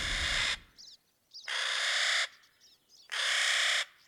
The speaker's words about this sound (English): The harsh, raucous call of the Clark's Nutcracker that we're hearing up in these pine forests is a sound that you can hear year-round up here.